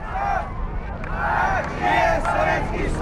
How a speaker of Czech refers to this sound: Lidé skandují Gagarin, Gagarin.